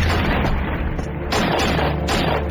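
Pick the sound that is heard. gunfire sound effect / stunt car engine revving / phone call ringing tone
gunfire sound effect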